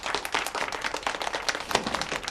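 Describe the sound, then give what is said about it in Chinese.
A crowd applauds to welcome Professor Ouyang Bo, an expert sent from Beijing, a dense, steady patter of many hands clapping at once, fairly loud and sustained without a break, with no voices over it. “大家先不要鼓掌，因为接下来我要说的大家不一定爱听。”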